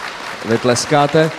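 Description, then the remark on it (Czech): An audience claps in a steady, crackling wash throughout, after Richard Genzer is introduced as a former dancer of the dance group UNO, while a voice cuts in with a few short, pitched syllables over the applause. “Vy tleskáte, já nevím, jestli jste rozuměli dobře.”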